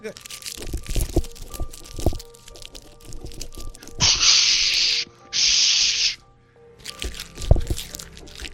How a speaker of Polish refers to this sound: Coś szumi. Pieniądze. Nie, to papierki od gum, to nie pieniądze, nie ciesz się.